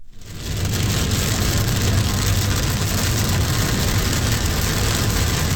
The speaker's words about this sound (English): That was rain recorded yesterday by Denverite's Kevin Beatty near Copper Mountain.